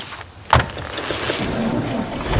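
A single solid thud like a car door shutting near the start, followed by a steady low rumble and faint shuffling as people settle into a vehicle.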